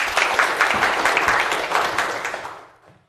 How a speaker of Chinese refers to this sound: 那么接下来呢就请我们知书达理小组代表啊给我们说一说他们的方案，大家掌声欢迎。